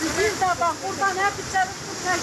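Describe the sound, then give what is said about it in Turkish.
A steady, loud roar of floodwater rushing from a stream that overflowed after a downpour in Sadur village, Gerede district, Bolu, Turkey, fills the scene, with a person speaking over the constant churning noise. “Sağanak sonrası Sadur köyünden geçen dere taştı.”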